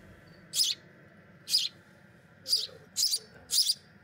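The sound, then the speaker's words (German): Orphaned young sparrows, only a few weeks old, chirp in five short, bright bursts spaced about half a second to a second apart, fairly loud over a low, steady background hum, in Menden, South Westphalia. “Diese Spatzen sind erst wenige Wochen auf der Welt.”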